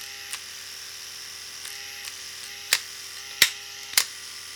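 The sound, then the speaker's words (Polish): An electric shaver's trimmer, used for styling sideburns and mustaches, hums quietly and steadily throughout, with a few sharp plastic clicks and taps breaking in toward the end. No one speaks. “Trymer robi wrażenie duże, bo pracuje naprawdę cicho.”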